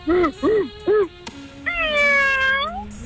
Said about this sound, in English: Was that a meow? I think that was a meow.